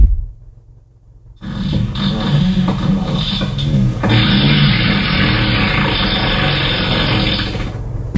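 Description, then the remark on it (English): After a brief silence, a long, rumbling fart sound effect plays from an Alexa smart speaker when it is asked for a fart, a low buzzy blubbering noise lasting several seconds that turns louder and raspier partway through. “Alexa, ask for a fart.”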